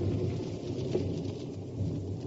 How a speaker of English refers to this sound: There was thunder the night I met Catherine. Very seasonable thunder of guns up at the mountains where the Austrians were.